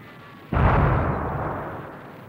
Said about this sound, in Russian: заскрипела железным скрежетом собака, шестиствольный вражеский миномет, и одна мина разорвалась около пушкарей.